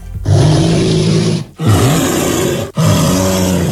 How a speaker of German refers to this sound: Also wer mal in einer ähnlichen Lage sein sollte, ein Bär klingt so.